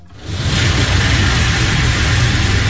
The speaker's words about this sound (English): The loud and rhythmic sounds of car wash, soapy suds spraying and cascading down the car windshield, are a common refrain across Central Florida this time of year. The giant brushes slapping away dirt and grime and bugs that appear to be baked onto